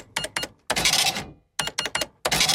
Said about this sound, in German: Die alte Registrierkasse, die noch nicht piept hat.